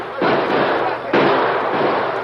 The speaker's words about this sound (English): With bullets flying thickly about them, the masked men and Tonto raced to safety, their powerful stallions thundering down the dusty street.